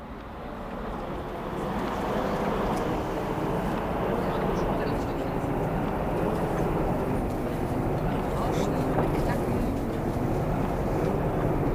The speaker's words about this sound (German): Na, die Straßenbahn, die rauscht da ganz vor sich hin so.